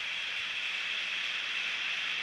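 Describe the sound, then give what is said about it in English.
A stadium crowd at a Jaguars–Bengals football game applauds as injured player Landon Jackson gets back up, in a steady, unbroken wash of clapping that blurs into a soft hiss, holding an even level throughout with no voices standing out. “He's up now. You can hear the applause.”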